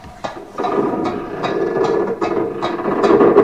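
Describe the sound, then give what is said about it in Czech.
A drawbridge mechanism grinds and clanks as it lowers, with regular ratcheting clicks about every half second over a steady mechanical rumble, fairly loud and continuous. “Právě přijel padací most.”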